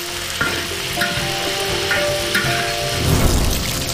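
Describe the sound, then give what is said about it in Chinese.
Pieces of duck meat sizzle and crackle steadily in a hot pan of oil as they are quickly stir-fried, with scraping spatula strokes and a louder burst of frying near the end. Continuous, no voices. “鸭肉切块，放入油锅中快速煸炒”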